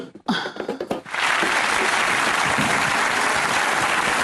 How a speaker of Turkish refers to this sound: Alkış.